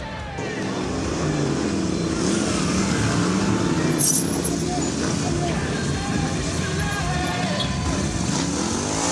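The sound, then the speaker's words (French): A motorcycle with little power roars steadily throughout as it is ridden through curves, a loud continuous drone whose pitch rises and falls as the bike accelerates and eases off, with rushing wind noise layered over it. “À son guidon, il faut conserver de la vitesse de passage en courbe, rouler très propre, puisqu'il n'y a pas de puissance pour se relancer en cas d'erreur.”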